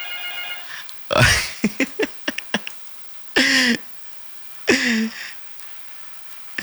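Short bursts of telephone ringing arrive one after another, separated by pauses and a quick run of clicking taps, as calls queue up and come in one by one. The rings are fairly loud, with no talking.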